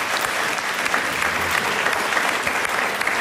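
Steady clapping runs throughout at an even, moderate level, a dense patter of hand claps with no swells or cheers, and no voices stand out above it.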